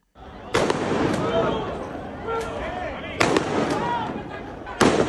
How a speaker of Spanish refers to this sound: Anoche la policía tuvo que realizar disparos disuasorios para evitar que cientos de personas entraran en la playa del Trampolín.